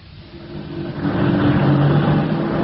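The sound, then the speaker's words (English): A taxi engine hums and rumbles, growing louder over a few seconds with a steady droning note, no voices present. “This is a taxi, not a liberty boat.”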